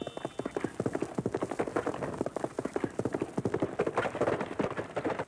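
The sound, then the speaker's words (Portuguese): A radio sound effect of a horse galloping, preserved in Rádio Nacional's archive from the golden age of radio soap operas and much used in 'Jerônimo, o Herói do Sertão'; rapid rhythmic hoofbeats clopping continuously and fairly loud, with no talking over it. “O nosso acervo preserva alguns desses sons produzidos na época áurea das radionovelas, como o som de um cavalo a galope, muito usado em Jerônimo, o Herói do Sertão.”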